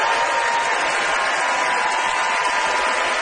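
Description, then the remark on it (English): The Danforth audience votes by applause in a debate on table service versus buffets, a dense, even wash of many hands clapping that holds at a constant, fairly loud level for the whole stretch without building or fading. “Distinguished applause.”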